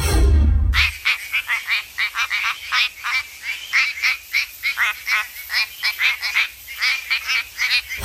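A quacking frog from WA calls over and over in quick, duck-like bursts, steady and fairly loud, after a brief low thump at the start. No voices are heard.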